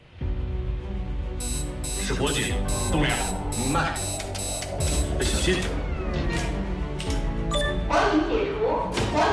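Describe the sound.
A fire alarm sounds in rapid, evenly spaced high-pitched beeps that start shortly after the opening and repeat throughout, fairly loud against a busy background with voices and some equipment noise, during an astronauts' ground-simulation emergency troubleshooting training drill.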